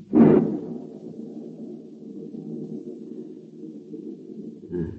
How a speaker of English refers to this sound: The air seems charged with thunder, and I hear it. In the distance. It is ominous, but it carries the hope of rain.